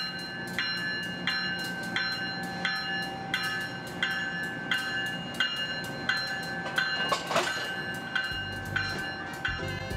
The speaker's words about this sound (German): Pünktlich auf die Minute verlässt der Crescent den Bahnhof.